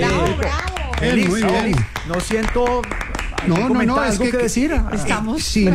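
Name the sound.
applause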